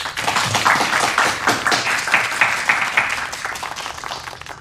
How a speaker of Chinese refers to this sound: 让我们大家为这二位同志鼓鼓掌。